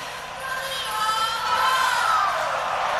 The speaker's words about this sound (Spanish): De Paul la ovación. Álvarez. Julián Álvarez y los más aplaudidos. Muy aplaudido.